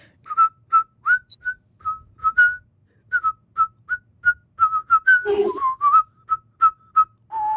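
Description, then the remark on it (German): A simple children's song melody whistled clearly, short separate notes in a bouncy rhythm, with a brief rustling or bumping noise partway through and no talking. “Kannst du auch pfeifen oder lieber singen? Pfeifen.”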